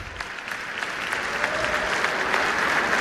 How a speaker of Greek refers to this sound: Ναι, χειροκροτώ. Ναι.